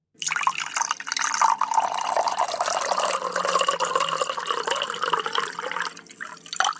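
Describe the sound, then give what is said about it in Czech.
Water pours steadily into a glass for several seconds with a bright, continuous gurgling splash. The pitch rises slightly as the glass fills, then the pouring tapers off with a few drips. “To bych tipla na nalévání vody do skleničky.”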